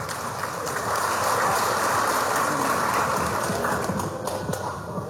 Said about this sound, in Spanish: nuestro mejor presidente del Estado Plurinacional, nuestro comandante Evo Morales Ayma. ¡Fuerte los aplausos!